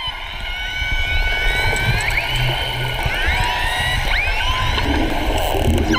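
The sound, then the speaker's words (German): Beluga whales calling underwater: a continuous chorus of chirps, squeals and rising whistles layered over a steady low rumble, dense and fairly loud throughout with no voices. “Die Beluga-Wale, die ihr da hört, werden auch die Kanarienvögel der Meere genannt, weil sie so lustige Laute machen, die wie das Gezwitscher von Kanarienvögeln klingen.”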